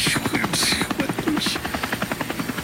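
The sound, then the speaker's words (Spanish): A small aircraft's rotor buzzes loudly, a steady rapid chopping hum with a fast pulsing rhythm that continues throughout as it comes in to land. “ver, déjame aterrizar el zancudo.”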